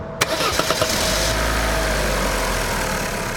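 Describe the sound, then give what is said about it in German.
A car engine cranks with a few quick, sharp turns in fog, then catches and settles into a steady, loud idle rumble. No one speaks. “Probier jetzt noch mal, den Wagen anzulassen.”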